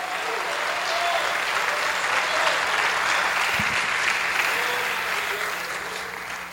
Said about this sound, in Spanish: Bendiga a Dios con su aplauso.